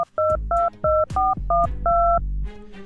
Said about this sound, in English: So I'd love to check up on the guy, find out how he's doing. We're going to dial him right now. Ring. Let's hope he answers the phone.